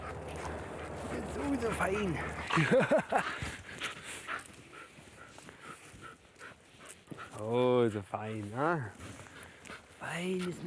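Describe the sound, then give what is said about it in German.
Amy, a police dog that has just been given her reward, pants rapidly, then lets out a few sharp, high-pitched barks and yelps near the end, with some background noise and possible murmured voices. “fährt Amy ihr Adrenalin binnen Sekunden wieder runter und ist nichts weiter als ein verspielter, freundlicher Hund.”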